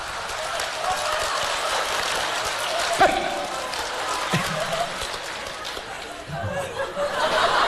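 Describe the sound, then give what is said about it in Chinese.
Steady, dense applause from an audience fills the whole stretch, a continuous crackling wash of clapping with scattered chuckles and crowd murmur mixed in, swelling slightly toward the end. “哎，掌声热烈，俩演俩小品啥的。”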